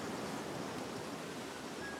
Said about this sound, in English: That waterfall.